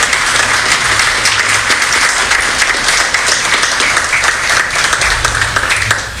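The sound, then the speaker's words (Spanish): Loud, sustained applause from a large crowd at a solemn session of AER Tungurahua marking the installation of its 2026-2028 board. It is a dense, steady wash of many hands clapping for the full stretch without letting up. “Creo que este momento merece otro gran aplauso para ustedes y para la radiodifusión tungurahuense.”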